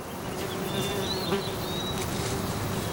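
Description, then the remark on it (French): Flies and bees buzz steadily outdoors, a continuous droning hum, with faint bird chirps high above and a soft breeze in the background; no one speaks. “J'entends des oiseaux, des mouches, des abeilles et le vent.”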